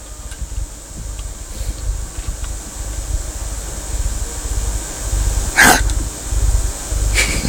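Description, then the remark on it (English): A person sneezes once, sharply, over a steady low rumble of background noise, followed by a shorter, softer burst just before the end. “God bless you.”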